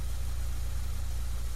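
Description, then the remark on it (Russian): A car engine, just started, idles with a steady, low rumbling hum and a faint rattly vibration, holding an even loudness the whole time with no voices, as the car is put into reverse gear. “Девушка быстро поправила сиденье автомобиля, завела мотор и включила заднюю скорость.”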